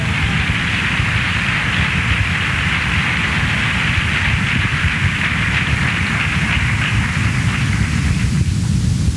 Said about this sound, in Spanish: Amén, aplausos a Cristo Jesús.